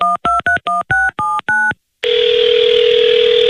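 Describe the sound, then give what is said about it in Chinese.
Seven quick keypad beeps are punched in on a phone, each a short two-pitch electronic tone, then a brief pause gives way to a loud, steady line tone that continues. No voices. “所以当我决定见面以后，就立刻给他打了电话。”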